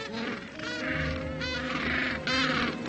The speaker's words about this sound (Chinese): 此时企鹅们已经从海里觅食回来了。将食物带给配偶，看样子并不容易。他们需要花很长的时间叫唤和寻找。